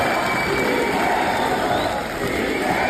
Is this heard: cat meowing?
no